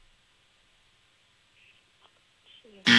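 A loud, harsh game show buzzer blares abruptly at the very end of a trivia question, sounding before the contestant's answer. It cuts in after a stretch of near-quiet with only a faint steady hum and a few soft ticks.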